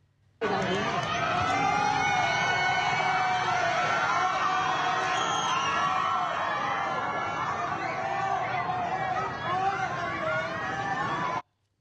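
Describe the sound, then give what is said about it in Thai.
A crowd of residents of the Khlong Chan flats in Bang Kapi shouting and booing at visiting Prime Minister Anutin Charnvirakul amid floodwater nearly 2 metres deep, a loud, dense wall of overlapping voices that rises at once and carries on steadily for several seconds before cutting off. “ซึ่งพอนายกรัฐมนตรีเข้าไปนะคะปรากฏว่าชาวบ้านนี่แหละค่ะที่อาศัยบนแฟลตคลองจันเขามีการร้องตะโกนโห่ร้องมาแล้วก็มีการถามว่ามาทำไมเพราะว่าตอนนี้สถานการณ์เริ่มไม่ไหวแล้วค่ะ”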